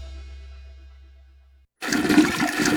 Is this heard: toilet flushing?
yes